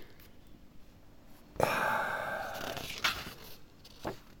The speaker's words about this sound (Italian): Scusate, devo girare pagina.